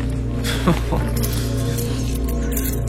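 Keys jangle in short, light metallic clinks as someone searches for them at their home, clustered near the start and again at the end, over a steady low hum that runs throughout.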